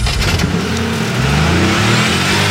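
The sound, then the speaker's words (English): A car engine roars and revs loudly, its pitch climbing and surging for a few seconds, with no voices. “Start your engine.”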